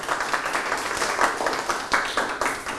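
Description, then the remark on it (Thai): A classroom of students applauds groups for the hearts they won in a vocabulary-guessing competition. It is a dense, steady patter of many hands with small surges in loudness, continuing evenly for a few seconds without speech. “กลุ่มที่4กับกลุ่มที่5ได้กลุ่มละ2ดวงปรบมือครับ”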